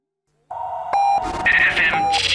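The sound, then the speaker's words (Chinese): Electronic time-signal beeps of a radio hourly pip marking 15:00 Beijing time sound out clearly, with short steady tones set against a bright, busy jingle-like background that swells up after the first beep. “北京时间15点整。”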